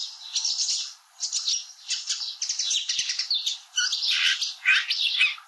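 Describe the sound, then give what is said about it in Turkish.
A sedge warbler sings a busy, scratchy stream of chattering phrases and harsh trills, mimicking the call of a pratincole, fairly loud with brief pauses between bursts; no one speaks. “Şimdi çalı kamışlığında aynı bölümü çalıyorum.”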